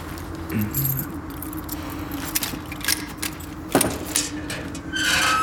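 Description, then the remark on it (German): Keys jingle and rattle in short bursts, followed by a louder metallic clack like a lock turning as the door of a family crypt is unlocked, over a steady low engine-like hum in the background. “Jetzt müssen wir da rein. Schlüssel? Habe ich.”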